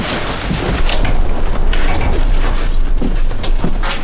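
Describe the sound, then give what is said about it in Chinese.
A door creaks and rattles open over a steady, rough background noise, with scraping mechanical clatter from the hinges and latch continuing for a few seconds. “二姐，快开门！”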